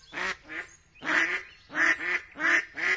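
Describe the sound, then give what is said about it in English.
Ducks quack in quick pairs, six nasal calls in three rhythmic doublets, clear with no talking and only a faint low background hum. “Now that he's a toddler, we watch raptors soar over parks and swans, ducks and geese paddle across lakes.”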